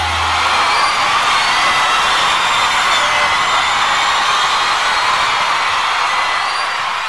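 A loud, steady roar of crowd applause and cheering, dense clapping mixed with scattered whoops and shouts, holding at an even level for the whole stretch with no talking over it.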